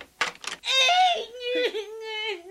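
A child cries up close: two quick sniffling sobs, then a long, drawn-out wavering wail that dips and rises before trailing into a softer whimper.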